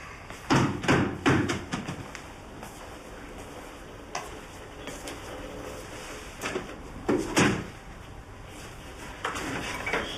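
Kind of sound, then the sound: household object, door being opened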